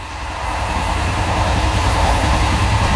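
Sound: train running on rails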